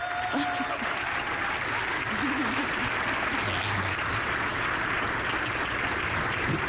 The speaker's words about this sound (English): Please, again, clap for these folks.